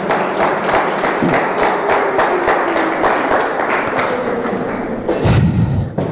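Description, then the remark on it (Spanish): An audience breaks into loud, sustained applause, dense overlapping claps filling the whole stretch, with a few heavier thumps and a brief low rumble near the end. “Den un aplauso poderoso al Señor.”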